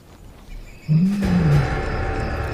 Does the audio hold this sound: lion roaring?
yes